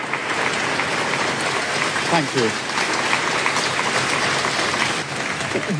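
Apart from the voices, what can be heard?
staff applause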